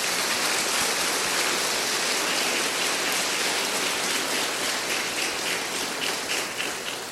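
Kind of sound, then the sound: crowd, audience applause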